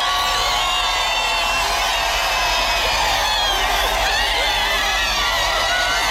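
A large crowd of faithful cheers and shouts continuously as Pope Leo XIV passes in the popemobile along the Champs-Élysées in Paris, a dense wash of many voices with high-pitched calls and whoops rising above it, loud and sustained throughout.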